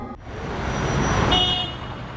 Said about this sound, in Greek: Πολύ κίνηση στο δρόμο.